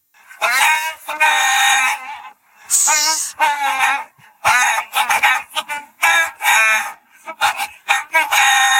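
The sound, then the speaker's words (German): A song melody is carried entirely by loud chicken-like clucks and squawks, sung for a song-guessing music quiz on Ego FM, coming in rhythmic bursts with short pauses between phrases, with no speech. “Songs erkennen, die mit Hühnergegacker nachgesungen werden.”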